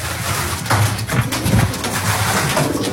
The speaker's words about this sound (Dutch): We laten de duiven maar weer met rust en gaan de ladder weer af. Boven ons horen we de duiven meteen weer terugkeren in de til.